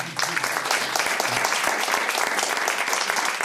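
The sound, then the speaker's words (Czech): A crowd claps steadily for Mr Lukeš throughout, a dense, even patter of many hands at a fairly loud, constant level, with no voices standing out above it. “Pozdravíme pana Lukeše a zatleskáme mu.”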